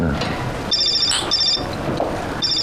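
A phone rings in repeated electronic bursts, a bright warbling trill that comes in three pulses against a busy background with some low voices, in a small eatery where people are having skewers and hotpot.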